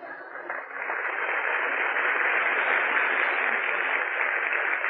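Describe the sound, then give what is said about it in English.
The studio audience of the radio program Breakfast at Sardi's breaks into steady applause for host Tom Brenneman. It swells within the first second and holds at a full, even level, a dense wash of clapping with a thin, old-broadcast tone and no voices. “Well, go on, applaud.”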